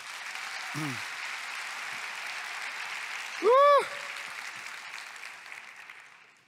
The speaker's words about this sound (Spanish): Aplausos al Señor.